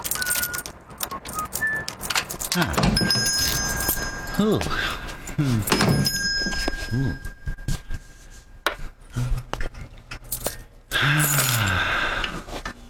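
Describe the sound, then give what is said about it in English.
A small bell above a shop door jingles brightly as the door opens and a customer comes in, its ringing tones lingering for a few seconds amid shuffling and brief voices. “You realize, of course, there's a more efficient way to let you know a customer has come in than the employment of that small bell above the door.”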